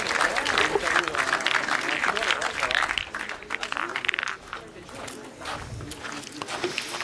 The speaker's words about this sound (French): Allez messieurs dames, c'est bientôt la fin de cette partie, on peut les encourager, les applaudissements bien fort.